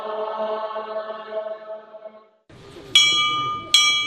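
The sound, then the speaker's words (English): A sustained harmonic tone fades out, then after a brief pause a murmur of low voices rises and a clear bell rings twice, each strike bright and ringing on. It is a monastery bell inside the esoteric college of Tashilhunpo, a Tibetan monastery, signaling the start of scripture recitation. “Inside the esoteric college, a clear bell signals the start of scripture recitation.”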